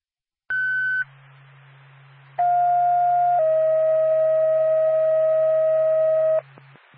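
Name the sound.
dispatch paging tones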